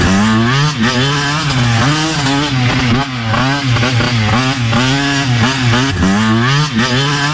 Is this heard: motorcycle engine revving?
yes